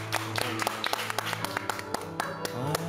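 An audience breaks into applause, a brisk run of sharp, uneven claps at moderate loudness over about three seconds, with a steady low tone humming underneath.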